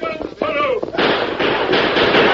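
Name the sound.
gunshots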